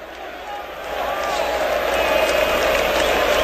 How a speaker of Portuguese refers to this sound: pro seu lado direito a torcida puxa cânticos para empurrar o time do São Paulo. O protesto vem por parte das organizadas do lado esquerdo, que vão começar a cantar apenas depois dos 15 minutos. Ouça um pouquinho do Morumbi, ó.